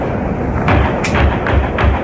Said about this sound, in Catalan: En un vídeo que corre per les xarxes s'escolta el moment dels trets.